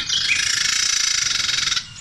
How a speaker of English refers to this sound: Is that the same bird? That is a Carolina Wren as well. Yeah, that is so, the same bird. Oh, man. That is, I think the bird is agitated when it makes that noise.